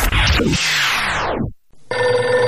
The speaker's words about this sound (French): Ah putain, le téléphone qui sonne, à un moment donné j'appelle.